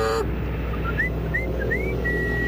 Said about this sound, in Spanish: ¿Cómo se llama el perro para poder llamarlo? Yo le digo perro y lo llamo con un chiflido para que venga a comer. ¡Perro!